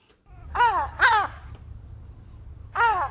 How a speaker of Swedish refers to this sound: Hon kallar honom Tore och han är en stor vit silltrut.